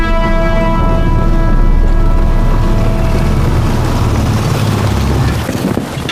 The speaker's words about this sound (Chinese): 肯定就是第四旅团，你看，摩托车都开出来了。